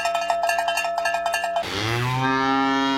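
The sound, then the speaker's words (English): A cowbell clanks in a quick, steady rhythm for over a second, then a cow lets out one long, loud, low moo that holds and swells to the end. “their special cow sale happening Saturday, October 10th, beginning at 6 p.m., and expecting 400 to 500 cows.”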